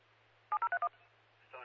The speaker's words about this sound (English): Control Stony Creek, fire, acknowledge your alert tone and siren activation.